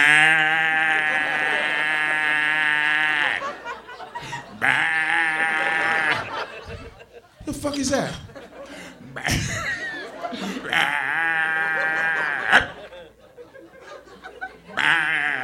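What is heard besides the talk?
bullfrogs calling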